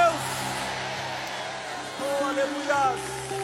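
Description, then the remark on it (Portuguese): A crowd of voices shouts and cheers together, a dense, sustained roar giving glory to God with scattered whoops rising above it, over a low steady instrumental drone. “Liberem um grito de glória a Deus.”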